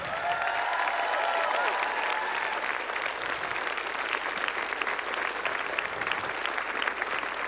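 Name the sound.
big round of applause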